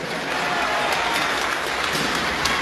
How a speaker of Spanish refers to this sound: Quiero mi gobernador que te pares y hay que darle un fuerte aplauso, porque en esta última etapa ahí está conmigo.